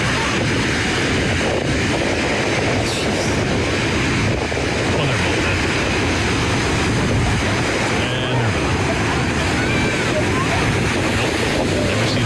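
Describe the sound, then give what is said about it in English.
Huge ocean waves, some breaking up to 10 feet high, pound the beach on the Santa Cruz coastline in a continuous, loud, roaring wash of surf, with gusty wind buffeting the microphone throughout. “Huge waves battered the Santa Cruz coastline this weekend, with lifeguards jumping into the ocean to save 25 people.”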